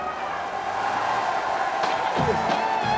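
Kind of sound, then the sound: crowd, studio audience applause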